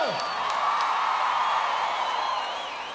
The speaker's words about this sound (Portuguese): Nós batemos palmas pra vocês.